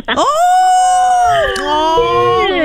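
A dog howls in a long, wavering, high-pitched cry that bends up and down, with whiny whimpering edges, loud for a few seconds without a break.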